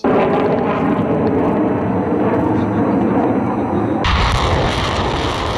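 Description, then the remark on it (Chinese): A drone swarm lifting off during a multinational joint land-air military exercise, heard as a loud, continuous mechanical roar of engines. Near the end the sound shifts abruptly to a harsher, hissier rush. “随着陆空实兵联合演练正式展开，空地火力率先对敌实施远程打击，无人机蜂群也迅速升空，对敌前沿目标展开多批次空中抵近侦察，为地面战斗群精准提供目标信息。”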